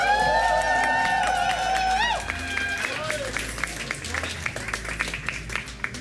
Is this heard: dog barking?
no